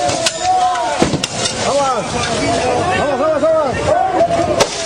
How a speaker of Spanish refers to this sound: Y están reventando los vidrios de un camión. A ver si podemos escuchar esa... le reventaron más vidrios.